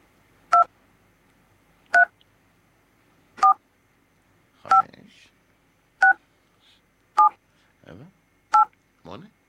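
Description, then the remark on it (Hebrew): Eight telephone keypad dial tones, played as phone keys for digits in a quiz on identifying which key is sounded, beep one after another at a steady pace, each a short two-pitch electronic chirp, with a faint voice murmuring briefly between some of them. “אתם צריכים לזהות באיזה צליל, איזה מקש, איזה מספר מסתתר.”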